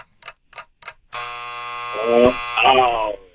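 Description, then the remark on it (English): Three quick clock-like ticks, then a loud, harsh game-show buzzer signalling time is up in a trivia quiz blares steadily for about a second and a half as a voice starts talking over its final moments. “That darn buzzer.”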